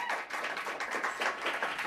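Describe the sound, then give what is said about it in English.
An audience breaks into applause for the final act of the evening, a dense, steady wash of many hands clapping at once that holds at an even, moderately loud level throughout, with no voices on top. “Give it up!”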